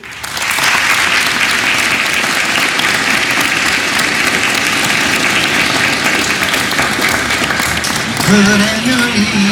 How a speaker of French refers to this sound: Alors voilà, un jeune prêtre qui a parcouru 7000 km pour venir partager un peu de chaleur. Accueillons-le comme il se doit. Applaudissez